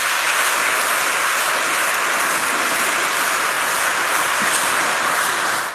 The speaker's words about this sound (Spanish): Viva Cristo Rey. Un aplauso a Cristo.